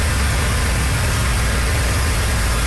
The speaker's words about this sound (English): Motorists drive over a flooded road in southern Cape Breton. Several parts of the island have been battered by heavy rain and high winds.